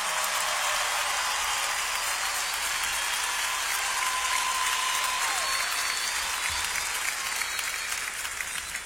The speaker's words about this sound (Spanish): Privilegio en esta noche que nos esté acompañando una orquesta de aquí de Los Ángeles. Un aplauso para ellos.